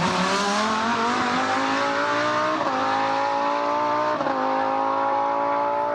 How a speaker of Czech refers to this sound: Bude z nějakých závodů tohle. No jasně, to je závodák, to my poznáme. Přeci, pozor, 3, 2, 1, Formule 1.